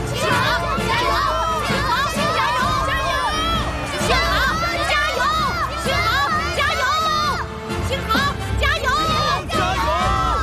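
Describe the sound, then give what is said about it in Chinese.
A large stadium crowd at a racing event cheers and shouts continuously for a rival driver, many voices overlapping in a loud, dense roar that stays steady throughout, with excited whoops rising above the mass. “他们怎么回事？怎么都在为别人喝彩？”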